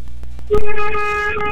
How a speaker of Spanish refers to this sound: Le está tocando el pito. Ay, gracias por ese pitazo.